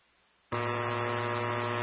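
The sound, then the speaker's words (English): Radio dispatch alert tone: after a brief quiet moment, a loud, harsh, buzzy tone cuts in abruptly and holds steady to the end, with no voices. “Yeah, 151, sorry for those additional tones.”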